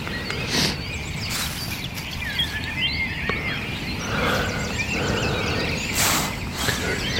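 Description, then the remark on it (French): A dense dawn chorus of thrushes and other birds at 6:30 am, many overlapping whistles and chirps, with occasional brief rustling bursts and no talking. “Réveillé par les grives. Sachant que de partout, c'est encore plus impressionnant que le soir, le concert des oiseaux.”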